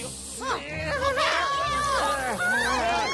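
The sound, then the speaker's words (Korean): Several loud chicken calls overlap in rising and falling squawks and crowing bursts, continuing steadily over a low, steady background hum. “지네가 무서워하는 건 닭 아닌가?”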